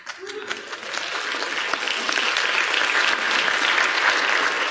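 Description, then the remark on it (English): An audience gives a polite golf clap, a steady patter of many hands clapping that holds at an even level for several seconds with no voices over it. “Now, I appreciate the golf clap, but you're going to have to do better than that.”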